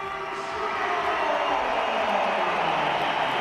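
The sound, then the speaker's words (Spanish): The Real Madrid crowd at the Santiago Bernabéu stadium applauds in a dense, steady wash of noise, with scattered whistles cutting through, as José Mourinho substitutes Trent Alexander-Arnold off and Vinicius comes on. The sound swells slightly after the opening moment and holds loud throughout. “Sí, más aplausos que pitos, hay pitos también, pero 6 minutos de la segunda parte llevamos y ya ha hecho el primer cambio José Mourinho.”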